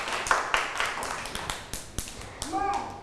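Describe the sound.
Children clap their hands in a loose, uneven series of sharp slaps over about three seconds, applauding another child during a lesson, with a child's voice chiming in near the end.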